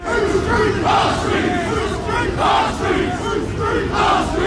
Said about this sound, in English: That was them shouting, "Whose streets? Our streets," yesterday. Kent police confirmed no arrests had been made during the demonstration.